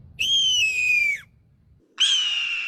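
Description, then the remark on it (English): A kid imitates a red-tailed hawk with two loud, raspy screeches, each sliding downward in pitch, the second cut short, with a brief pause between and no talking. “That was pretty close. That was his red-tailed hawk.”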